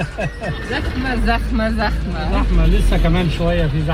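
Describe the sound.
Voices talk continuously over a steady, low rumble of a car's engine and road noise, with busy traffic sounds filling the background throughout.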